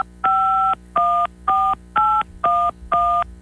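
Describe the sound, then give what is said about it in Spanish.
Six telephone keypad tones beep in a steady, even rhythm as a phone number is dialed, each a clear two-note electronic chirp separated by brief pauses, loud with no one talking. “Muy bien, ya escuchamos que marcaste.”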